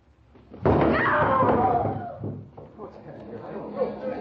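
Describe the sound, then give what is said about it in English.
In a radio drama, a stage door swings open as an actress steps on stage for her first entrance, and a loud, heavy thud hits suddenly, its booming rumble fading over about two seconds, followed by softer muffled knocks and rustling. “Now I smile, open the door, and step on stage for my first entrance.”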